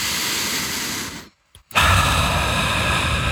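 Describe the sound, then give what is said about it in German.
A long breath drawn in deeply through the nose to smell petrichor, the scent of dry ground after rain, with a steady airy hiss, a brief silent pause, then more breathy air continuing to the end. No talking. “Und zwar, atmet mal ganz tief ein.”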